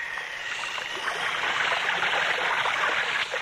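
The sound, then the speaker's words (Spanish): Steady rush of splashing, churning sea water as a wooden box dropped by a large bird falls into the sea, filling the whole moment at an even loudness, with no voices and no single distinct impact standing out. “El ave me había soltado y caía en el mar.”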